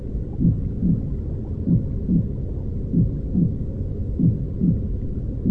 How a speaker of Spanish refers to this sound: Estos son los sonidos que escuchamos dentro de la panza de las madres, ¿no? El sonido del agua que es parte después de toda tu vida, de todo tu camino. El sonido del corazón de tu mamá es el tiempo,